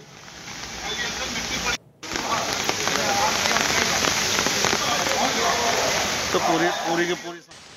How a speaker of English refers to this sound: Due to incessant rain in the last more than 24 hours, massive waterlogging can be witnessed in various parts of Delhi NCR. Right now I'm present at National Highway 24, and this is the area which connects Akshardham to Meerut